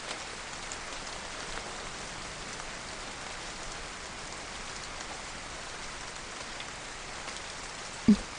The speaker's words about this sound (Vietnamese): Trời đang mưa rất lớn, đừng có đứng ở đây, mình mau vào nhà đi.